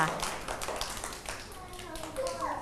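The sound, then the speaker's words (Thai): A group of children claps for a classmate's clay modelling work in quick, uneven bursts, the claps steady throughout, with soft voices mixed in underneath. “โหเก่งมากๆเลยชอบไหมคะ ชอบ ปรบมือให้เพื่อนหน่อยขอบคุณค่ะ”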